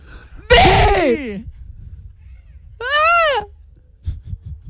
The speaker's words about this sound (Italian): Sì! Che tempismo, salute.